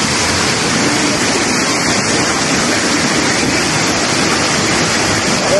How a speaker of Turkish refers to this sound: Sel hem kuryeleri hem de ekmek teknelerini hedef aldı. Azgın sular motosikletleri birer birer sürükledi. Kuryeler durdurmaya çalıştı ama akıntının gücüne engel olamadı. Motorlar su götürüyor.